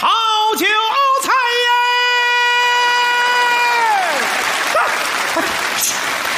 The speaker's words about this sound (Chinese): 鼓什么掌？鼓什么掌？ 唱多好， 还挺捧 啊！ 这么多人鼓掌， 是啊， 哪位鼓掌的见过这么卖菜的呀？